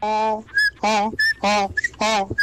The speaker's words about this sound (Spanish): Oye, qué buen agarre tiene la señora, qué buen chifla, que todavía chifla. Todavía chifla la señora.